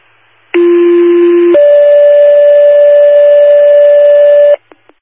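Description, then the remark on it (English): A loud two-tone dispatch radio paging alert for a water rescue on Oneida Lake: a short steady lower tone, then a long higher steady tone lasting a few seconds, ending with a couple of faint clicks over light static. “Second tones, water rescue on Oneida Lake.”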